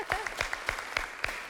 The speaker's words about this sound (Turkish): Herkes çok emin. Alkışladılar erkenden.